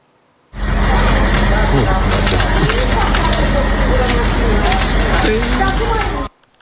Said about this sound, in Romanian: Acum, incendiu puternic lângă București. Mansarda unui bloc din Popeștile Ordene a fost cuprinsă de flăcări.